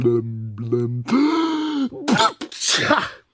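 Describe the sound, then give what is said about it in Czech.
A voice acts out a story character's loud, powerful sneeze, the character suffering from a constant cold: two short, pitched, wavering intakes build up, then a long explosive burst follows, trailed by a few rough, breathy snorting blasts. “A znovu mocně kýchl.”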